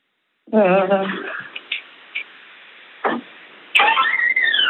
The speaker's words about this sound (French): en train d'ouvrir une porte qui couine